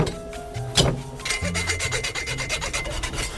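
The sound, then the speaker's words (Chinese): A single hard, sharp full-force chop into tough, hard cowhide being prepared as food, followed by a quick run of rhythmic rasping, scraping strokes at a steady moderate level, with no voices. “我就使足了劲，咱们剁一下。”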